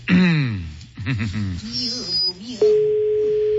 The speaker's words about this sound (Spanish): Está sonando, ¿verdad? Está sonando. Está sonando el teléfono ya.